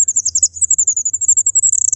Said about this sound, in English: It's called an incubation call. She only does it when she's on her own with her eggs. And in fact, we have a recording of a fairy wren incubation call, so you can hear the sorts of thing they're doing.